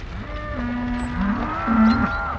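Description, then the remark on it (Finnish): Cows that do not fit on the train and continue on foot toward western Finland moo in low, drawn-out calls, two long bellows following one another over a faint background, with no one talking. “Lahja ja lehmät eivät mahdu junaan ja matka kohti läntistä Suomea jatkuu kävellen”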